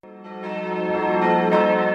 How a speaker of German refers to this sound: Das Glockengeläut der Benediktinerabtei Plankstetten ist schon von Weitem zu hören, idyllisch gelegen am Rande der Oberpfalz.